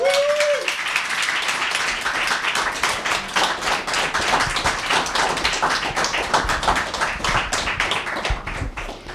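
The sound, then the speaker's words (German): A show audience gives sustained applause: dense, steady clapping from many hands for about nine seconds at an even loudness, with a brief tonal sound at the very start. “Euer Applaus, Leute.”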